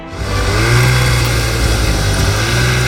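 A military snowmobile engine roars in snowy terrain as it carries a wounded soldier to a field medical post, revving steadily with a loud, buzzing drone that holds strong for a few seconds without pause.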